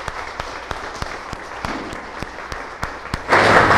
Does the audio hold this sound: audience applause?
yes